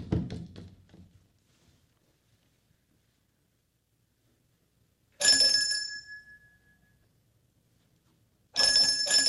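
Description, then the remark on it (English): A doorbell rings twice with a sharp metallic chime, the first ring decaying slowly over a couple of seconds, the second cut short. Both are loud, separated by quiet, while the door is open. “Never saw any use ringing a bell when the door was open.”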